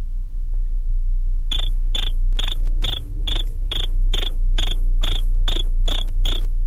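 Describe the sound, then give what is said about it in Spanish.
Someone mimics a cricket with a steady run of about a dozen sharp, high chirps, evenly spaced and fairly loud, starting after a quiet moment over a low background hum. “haz como el grillo.”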